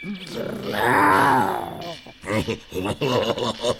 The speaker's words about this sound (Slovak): Čo to? Ona tuším vrčí. A zakráda sa ako...